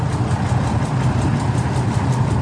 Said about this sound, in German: So, läuft das Ganze. Beide Motoren? Jawohl, sind gut angesprungen. Alles in Ordnung gewesen beim Starten oder hat er irgendwas gehabt?